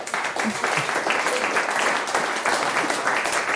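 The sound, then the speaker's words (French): Steady audience applause for a quiz guest's correct answer fills the whole stretch, a dense wash of many hands clapping, fairly loud, with no pauses or speech breaking through. “On peut l'applaudir.”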